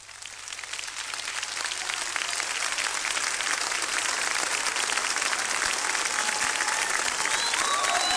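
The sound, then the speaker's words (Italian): An audience applauds steadily, dense overlapping claps forming a loud, even roar that holds throughout, with faint whistles or cries rising through the clapping near the end. “Dale un applauso a colui che governa, a colui che regna.”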